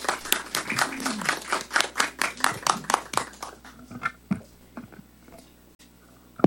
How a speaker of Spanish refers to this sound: Bueno, Y ahora también vamos a recibir las palabras de la congresista de la República, la licenciada Carol Paredes Fonseca. Por favor, fuertes palmas.